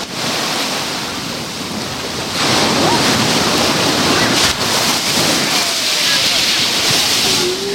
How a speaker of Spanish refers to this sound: Me acerco al rompeolas con mucho cuidado, para que no se nos mojen los equipos, y oriento el micrófono a la ola que viene ahora mismo, por ejemplo. Así suena hoy el mar Mediterráneo en la playa de la Charca.